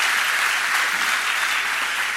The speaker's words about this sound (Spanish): Demos un fuerte aplauso al Señor.